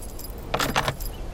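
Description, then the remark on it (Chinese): A short bright jingle of keys being shaken, two or three quick metallic rattles, with a soft hum of a car in the background and no talking. “哎， 你看你还真拿钥匙来。”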